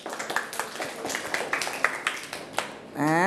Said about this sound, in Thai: มาดูเฉลยกันเลยถูกต้องปรบมือ